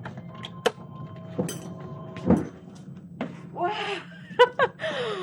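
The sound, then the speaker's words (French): Doors are pushed open to exit after a one-minute session, with a few sharp clunks and knocks, followed by scraping, creaking movement, all over a steady low mechanical hum. “Vous pouvez pousser les portes et sortir tranquillement.”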